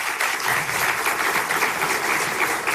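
Steady applause from a sizable conference audience thanking the hosts of the conference, a dense even patter of many hands clapping at once, sustained and fairly loud throughout with no voices.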